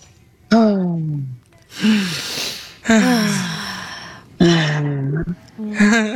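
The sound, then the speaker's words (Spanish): Heavy, rhythmic breathing in a breathing exercise: loud, rushing inhales alternate with voiced, groaning exhales, about four cycles in steady succession, as a group of people pant together in sync with one person's breathing. “Entonces, yo respiro y ustedes sincronizan con mi respiración, ¿ok?”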